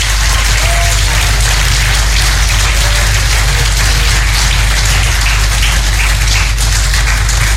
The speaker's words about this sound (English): I give a lot of wonderful, wonderful applause today.